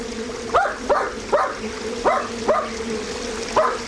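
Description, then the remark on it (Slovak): A small dog barks and yips six times in quick, slightly uneven succession, its sharp high-pitched calls standing out over the steady rush of a flowing stream. “Hej, psíček, čo tu robíš?”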